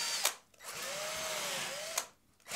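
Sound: electric drill whirring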